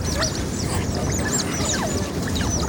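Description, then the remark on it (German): A family of otters on the Singapore River in Singapore, swimming to their sleeping spot under a bridge among high-rise buildings, squeaking in a busy chorus of many shrill, high-pitched chirps and whistles overlapping continuously over a steady low rumble, with no one talking. “Anwohner, Jogger und Touristen hören die Tiere schon von Weitem an ihrem hohen Quieken”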